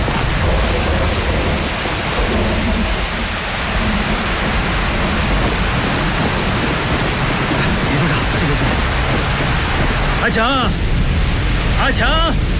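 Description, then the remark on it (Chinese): Steady, dense rain pours down in a constant loud hiss that never lets up, with a couple of brief voices cutting through near the end. “哎，下雨了，咱们先到前面避避雨吧。”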